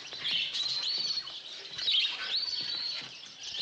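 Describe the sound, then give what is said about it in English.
A chorus of small caged finches in a pet shop, redbirds also called strawberry finches, chirps and twitters continuously, many high, rapid tweets overlapping at steady loudness, with no voices. “Aren't those lovebirds? No, those are redbirds. Oh, I thought they were strawberry finches.”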